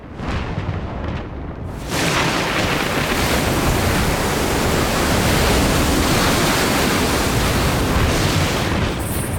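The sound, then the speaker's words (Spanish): A storm at sea roars around a ship with crashing waves, a dense, unbroken rush of surf and wind that swells from a softer opening into a loud, steady churn, with no voices. “¡Eres el responsable de esta tormenta!”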